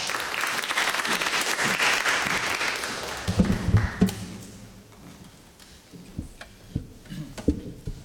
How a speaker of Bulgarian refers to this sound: Така че аплодисменти.